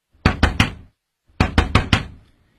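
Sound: knocking on a door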